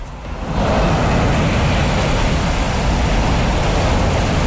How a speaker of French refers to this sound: Et quelques vagues de Puerto Angel sur la côte pacifique.